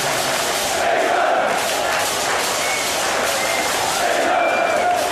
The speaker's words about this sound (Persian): از شعارهای انگلند انگلند تا لحظه هایی که جمعیت با هر حمله از جا کنده می شد. اینجا بیشتر شبیه یک اجرای جمعی بود تا تماشای ساده فوتبال.